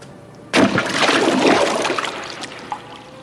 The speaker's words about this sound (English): front of the fort and plunged into the river with a great splash.